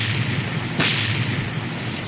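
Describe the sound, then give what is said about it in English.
A single sharp cannon blast cracks out partway through, rising above a steady, rushing wash of noise that continues before and after the shot; no one speaks. It is a pirate galleon firing a broadside at a Spanish fort. “Cannon firing must be a pirate force attacking a fort.”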